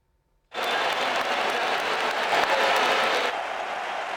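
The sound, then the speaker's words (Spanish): At San Mamés, a large stadium crowd breaks into sustained applause for its three world champions with Spain as they appear with the World Cup, a dense wash of clapping mixed with scattered whistles from one section, starting abruptly and holding steady at full volume for several seconds. “Algunos pitos, pero mayoría de aplausos en San Mamés a sus tres campeones mundiales con España.”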